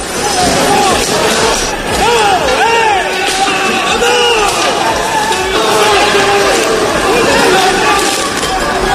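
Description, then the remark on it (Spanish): A loud, chaotic crowd of many people shouting, yelling and whooping at once, with scattered sharp bangs and crashes cutting through the steady uproar of a street brawl between supposed Levante football fans, hooded and dressed in black, with sticks, baseball bats and firecrackers; chairs and street furniture were thrown. “Gente encapuchada, vestida de negro, con palos, bates de béisbol, petardos y una batalla campal, han volado sillas, mobiliario urbano.”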